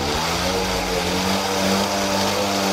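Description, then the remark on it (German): Small moped engines drone and rev steadily, a buzzing, mid-pitched motor sound that stays loud throughout with no talking: about 30 mopeds and Mofas riding in a group through Ostwestfalen, Germany, from Delbrück to Kirchlengern in constant rain, on the Momoto charity tour. “Und das gilt auch für Mofa- und Moped-Fans. 30 davon sind heute durch Ostwestfalen gefahren, obwohl es unentwegt geblästert hat.”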